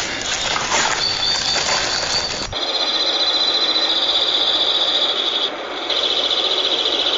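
Crossbills sing outdoors alongside calling squirrels on a sunny August morning at 9 a.m., 57 degrees Fahrenheit, among white spruces heavy with cones: high, rapid, rasping trills that repeat in steady bursts over a constant airy background, moderately loud, with no one talking.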